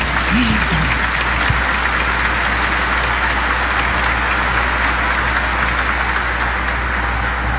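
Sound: audience applauding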